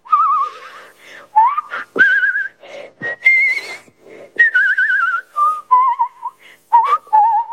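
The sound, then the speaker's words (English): A person whistles a lively melody, each note wavering with a clear vibrato, in short phrases separated by brief pauses, with no talking. “I like to whistle, and I whistle with vibrato.”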